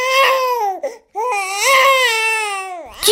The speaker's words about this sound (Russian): Малышу захотелось кушать, и к тому же он понял, что рядом нет самого главного – мамы. Ребеночек начал плакать.